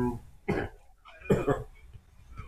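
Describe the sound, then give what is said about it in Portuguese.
A person coughs several times: one sharp cough, then a quick pair of harsher ones, and finally a softer cough trailing off, with short pauses between. “Tá tossindo muito?”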